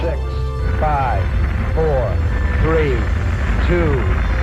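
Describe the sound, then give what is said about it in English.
Saturn V rocket engines roar in a steady, deep rumble at the Apollo 11 liftoff, while a voice counts down and announces the liftoff in short, evenly spaced bursts over the continuous noise. “All engine running. We have a liftoff. Liftoff on Apollo 11.”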